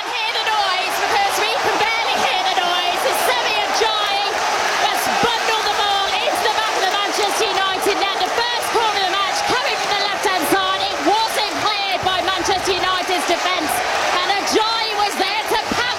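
A large stadium crowd roars and cheers continuously after Hull scores at home from its first corner, taking a 1-0 lead about fifteen minutes into a Premier League match. Dense overlapping shouts and whoops fill the space at a loud, steady level with no pauses throughout.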